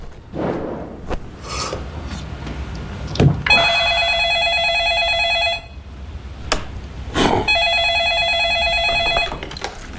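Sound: telephone ringing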